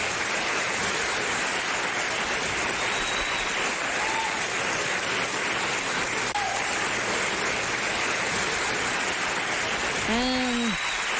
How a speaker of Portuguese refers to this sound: Não, mas isto é acordar como eu mereço, com aplauso. Porque acordar às 7 da manhã e quem acorda às 6 e às 5 merece mesmo este som de um grande aplauso na hora de acordar.